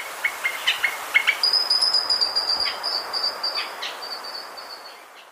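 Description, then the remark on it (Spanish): A Colombian mountain grackle (changó de montaña) trills in bright, rapid repeated notes, with high sustained whistles and a steady rhythmic pulse over a faint hiss, fading slightly at the end; a recording from the Colombian Bird Sound Bank compiled by the Instituto von Humboldt and Cornell University. “El trino del changó de montaña forma parte del Banco de Sonidos de Aves Colombianas, recopilado por el Instituto von Humboldt y la Universidad de Cornell.”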